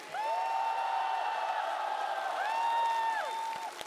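A large audience at the TV show Singer 2026 applauds and cheers loudly and steadily for about four seconds, with a dense wash of clapping and high, sustained whoops and shouts rising and falling above it.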